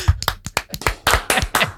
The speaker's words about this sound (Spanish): Venga, un aplauso.